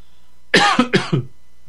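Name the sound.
cough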